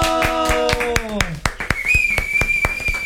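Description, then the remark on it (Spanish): Steady, rhythmic hand clapping, about four claps a second, over a sliding, wavering tone that gives way to a high, sustained whistle-like note. “Aplausos para ti, mi Roberto.”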